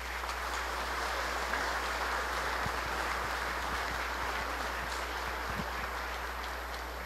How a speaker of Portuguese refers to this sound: E nós vamos saudá-los com uma salva de palmas. Parabéns.